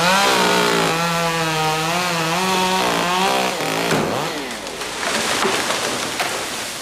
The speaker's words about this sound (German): Bäume krachen ins Unterholz, der Lärm der Kettensägen dominiert die Wahrnehmung.